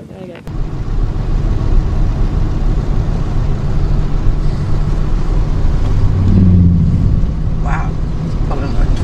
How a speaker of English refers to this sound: And a boat.